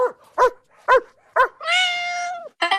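Three short, sharp dog barks come at an even pace, followed by a long drawn-out whining howl and then the start of another bark. The sounds are loud, with no talking.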